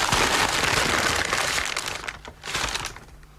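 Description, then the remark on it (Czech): Steady crinkling and rustling of tissue paper being unwrapped, a dense papery crackle that continues for a few seconds with a brief pause near the end. No voices. “Hervávným papírem. No, tak to vybal.”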